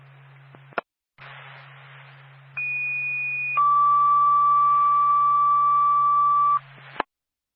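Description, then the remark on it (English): Twin State Franconia Fire Department general alarm dispatch tones over a hissing radio channel, for a possible electrical fire at 37 Aspen Road in Franconia: a click, then a one-second high steady tone followed by a longer, lower three-second tone, loud and clear, ending in another click. “State Franconia Fire Department on the general alarm.”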